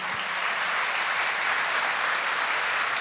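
Steady, dense applause from a sizable audience, many hands clapping continuously at a constant loud level for the whole stretch, with no voices standing out.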